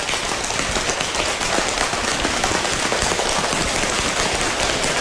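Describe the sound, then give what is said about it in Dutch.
A group slaps their hands on their legs rapidly and continuously, going faster and faster to imitate rain getting heavier, a dense, steady pattering, fairly loud with no talking over it. “Het gaat harder regenen, dus we gaan steeds sneller op onze benen staan.”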